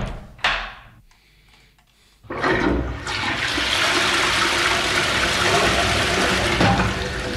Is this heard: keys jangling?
no